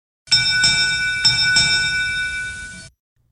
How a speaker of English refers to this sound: that's our Derby Bell, because the 81st edition of the Striped Bass and Bluefish Derby kicked off yesterday morning